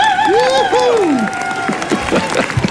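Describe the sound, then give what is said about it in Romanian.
An audience bursts into steady, loud applause, with high rising and falling whoops and cheers over the clapping at the start before the crowd noise carries on. “Pentru toți cei care au scăpat de anturajele toxice, de oamenii toxici din viața voastră, aplauze!”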